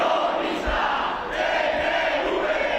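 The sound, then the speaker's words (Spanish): A protest crowd of more than 2,000 people marching through the streets of Bilbao shouts together in a steady, loud roar of overlapping voices, chanting and yelling slogans against the Basque government and the Ertzaintza police without pause for the whole stretch. “Gritos y proclamas contra el gobierno vasco.”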